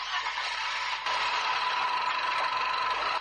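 A bus engine idles at a travel agency in Yaoundé, with vehicles in departure position, making a steady, unbroken hum and a faint rattling texture, holding at an even level throughout with no voices.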